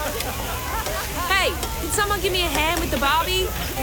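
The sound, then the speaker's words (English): Food sizzles steadily on a barbecue grill, a constant crackling hiss throughout, while voices sound over it with rising and falling tones. “Give me a hand with the Barbie.”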